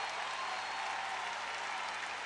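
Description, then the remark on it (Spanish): An audience claps steadily, a dense, sustained burst of applause that fills the whole moment at an even, fairly loud level with no voices standing out. “¡Fuerte el aplauso!”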